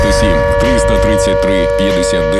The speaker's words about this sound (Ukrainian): Увага всім, повітряна тривога. Прослідуйте до найближчого укриття.